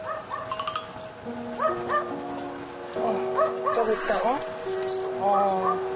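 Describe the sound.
A dog named Nuri, sick and confined in a raised wire cage awaiting rescue, gives a series of high, thin yelps and whimpers, several short cries in uneven bursts, while a steady tonal hum runs underneath and faint voices murmur.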